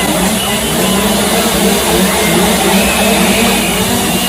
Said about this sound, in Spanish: Una protesta en la que se ha escuchado el sonido de la motosierra